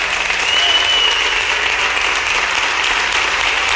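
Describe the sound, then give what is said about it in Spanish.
A large crowd claps loudly and steadily for several seconds as praise to God, a dense, continuous wash of applause with no talking over it. “Ofrezcámosle un fuerte aplauso al Señor con todo nuestro corazón.”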